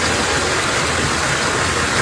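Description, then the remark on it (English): Floodwater rushes into a home in Toronto after heavy rain, in a steady, loud roar like a river, a dense unbroken hiss and rumble that holds level for two seconds with no voices. “It sounds like a river. It's actually water rushing into one Toronto home, a microcosm of a bigger issue.”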